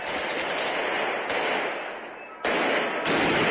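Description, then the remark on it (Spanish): Loud firecracker blasts go off in quick succession, with sharp bursts marking fresh explosions amid a constant, dense crackling roar, set off during a street protest march from El Alto toward central La Paz, Bolivia. “Las protestas partieron desde la ciudad de El Alto y avanzaron hacia el centro político del país, entre explosiones de petardos, pancartas y consignas contra el gobierno.”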